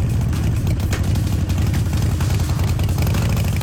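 A motorcycle engine runs steadily, its deep, throbbing rumble loud and continuous throughout, with no voices.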